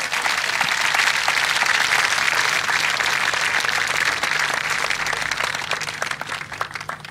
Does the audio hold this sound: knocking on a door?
no